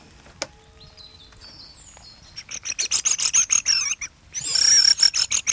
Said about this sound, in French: C'est des grives.